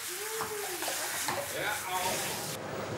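A cold shower sprays water in a steady, loud hiss that runs throughout, with a few brief whining, wavering vocal tones rising over the rush early on.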